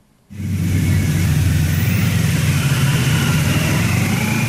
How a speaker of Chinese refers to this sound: 上午9时许，七一勋章获得者集体乘坐礼宾车从驻地出发，由礼宾摩托车队护卫前往人民大会堂。